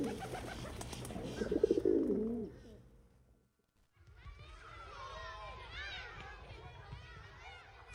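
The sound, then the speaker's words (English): A pigeon gives a low, throaty rolling coo that swells and fades, then after a brief silence other birds chirp and twitter over a steady background murmur. “But next time you see these birds, consider giving them a little more respect.”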